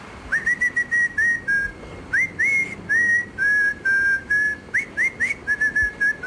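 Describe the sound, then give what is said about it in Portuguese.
A voice presented as Carlos Moedas whistles a tune for listeners to guess, as part of a viral WhatsApp trend of sending whistle-only audio messages: a string of clear, high, pure notes in quick phrases with short gaps, some sliding up into the next note, at a steady moderate loudness. “Há uma nova tendência viral no WhatsApp que consiste em mandar áudios só com assobios.”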